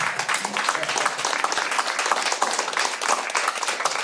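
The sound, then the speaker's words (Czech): A small group claps steadily for about four seconds in applause for the family guests, a dense, even patter of many hands at moderate loudness with no one speaking over it. “My vám tleskáme, rodinko.”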